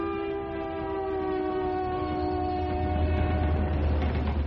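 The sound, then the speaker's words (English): A train rumbles steadily along the rails, a deep low roar with a sustained tonal horn-like drone layered above, loud throughout with no voices. “It all started with a train.”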